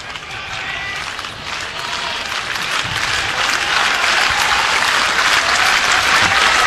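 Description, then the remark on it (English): A capacity crowd at a Husker college baseball game in Lincoln claps and cheers, urged on by the third base dugout during the fifth inning, in a steady, dense roar that swells gradually louder over several seconds, with no clear voices standing out from the din. “Third base dugout encouraging the crowd to get into it. They oblige.”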